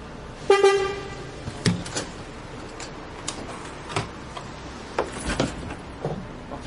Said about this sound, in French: Le bus est là. Tiens, on charge le vélo.